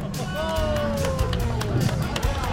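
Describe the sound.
A birthday girl and her family clap and cheer at a bowling alley after a bumper-assisted spare, with sharp scattered hits and excited voices rising over a constant background hubbub.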